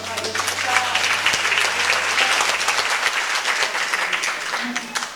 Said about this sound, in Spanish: Y los aplausos.